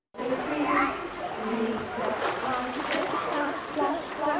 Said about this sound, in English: Here at this pool in Plymouth, they're starting early.